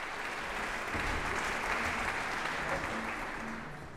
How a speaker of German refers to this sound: Das HR-Sinfonieorchester spielte das Prélude à l'après-midi d'un Faun von Claude Debussy. Gastdirigent war François Leleu. Und Applaus gibt es dafür jetzt im Casals-Forum in Kronberg.